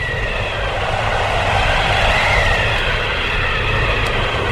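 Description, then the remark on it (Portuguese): Strong wind rushing in through a window just opened on a very windy day up on high ground, a steady, loud, full roar with a heavy low rumble that holds evenly throughout, with no voices. “Fecha, muito vento”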